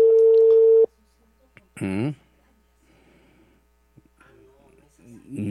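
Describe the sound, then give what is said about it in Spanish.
A phone line rings once with a loud, steady electronic tone lasting under a second, then cuts off as people begin talking over a quiet background; it is a call to city councillor Marco Guaja that goes unanswered. “Coge el teléfono, Marco Guaja.”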